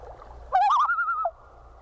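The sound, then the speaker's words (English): A single bird's type 3 tremolo call, a step higher in pitch than the type 2 call, rings out clearly, opening with a rapid warble before holding a higher, steady note for under a second, then cutting off over faint low rumble. “And finally, the type 3 tremolo goes a step higher.”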